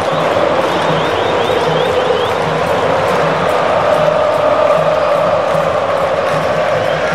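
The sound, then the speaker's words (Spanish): A huge stadium crowd of Brazilian football fans in Philadelphia chants together in a steady, rhythmic roar that fills the air without pause, loud and dense, with no single voice standing out. “Escuche, escuche a la afición brasileña.”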